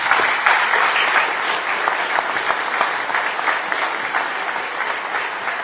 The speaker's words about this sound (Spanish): Así que de verdad, démelo un fuerte aplauso.